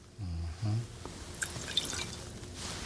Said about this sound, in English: And then we're going to put in the water.